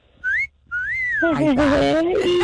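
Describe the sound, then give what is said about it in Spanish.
A human wolf whistle, made in admiration of a 75-year-old woman, rings out clear: a short rising note, a brief pause, then a long gliding fall. A voice starts speaking right after it. “Sí, ya casi califica para el chiflidito”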